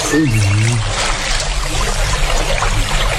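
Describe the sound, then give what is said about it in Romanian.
Water washes steadily against a riverbank in a continuous, hissing rush with no distinct splashes, and a brief voice-like sound appears at the very start. “Uite de cum bate malul ăsta răpus.”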